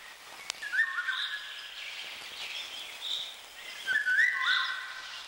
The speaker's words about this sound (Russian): Песня коротка и грустна по складу. В июньском предзакатном лесу после короткого летнего дождя во влажном воздухе хорошо слышна песня Иволги.